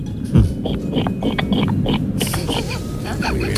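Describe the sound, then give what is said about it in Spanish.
A person imitates a pig, making a series of rough, snorting grunts in quick bursts, loud over a busy, noisy background. “Empecemos por el cerdo, ¿por qué no?”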